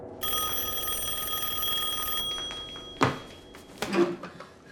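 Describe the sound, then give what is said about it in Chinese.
A telephone rings with a steady electronic tone for about two seconds as a son calls his mother, then stops, followed by a couple of sharp clunks and rustles, like the handset being picked up. “喂，儿子，你可算来电话了，你在哪儿啊？”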